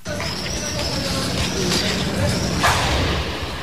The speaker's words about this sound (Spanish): Só a explosión, verdade? Pois sí, era unha explosión. Isto é o que escoitaron os veciños de Benito Corval cando ardía un colector de lixo nesta céntrica rúa da cidade.